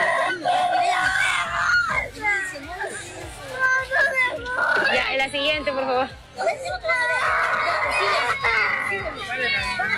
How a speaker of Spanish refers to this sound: Bueno, se sienten gritos, se siente de todo.